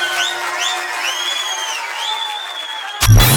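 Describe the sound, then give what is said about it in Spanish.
A crowd claps and cheers steadily in applause for Suena y Vive con Dinón, with high whistles rising and falling over the dense clapping. Near the end a sudden louder burst cuts in. “Aplauso para Suena y Vive con Dinón.”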